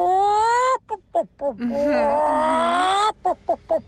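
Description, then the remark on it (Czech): A listener's recording sent to a radio show via an app: a human voice imitates animals, a long, wavering, whooping call and quick choppy yelps like a monkey, then a run of short, clipped clucks like a hen, loud and alone. “To první by mohla být opička, to druhý slepička.”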